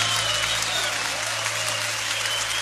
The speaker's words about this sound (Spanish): Levanta tu aplauso al fuerte.